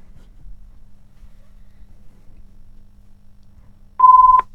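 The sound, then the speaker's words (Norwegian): A low, steady background rumble gives way near the end to one loud, pure electronic tone lasting about half a second, like a telephone ringing tone heard down the line. “Och där ringer det, jamen.”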